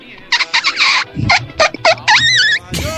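A small dog barks in a quick, irregular string of sharp, high-pitched yaps, fairly loud, with no one talking over it.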